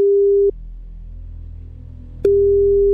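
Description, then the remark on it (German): A telephone ringback tone as a radio presenter on Die Neue Welle calls a dialed number: a steady, mid-pitched beep cuts off after half a second, then returns after a pause of nearly two seconds, with a faint low hum in between and no voices. “Das heißt, ich wähle jetzt hier eine Nummer und dann wollen wir mal gucken, ob das klappt.”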